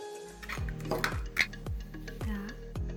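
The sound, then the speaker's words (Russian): Four eggs and sugar being whisked until thick with a mixer in a bowl to make a cream: a steady faint whir under a regular rhythm of about six knocking, clinking strokes against the bowl, with no voices. “У меня есть миксер. Разбиваем 4 яйца. Смешиваем с сахаром и взбиваем до густой консистенции.”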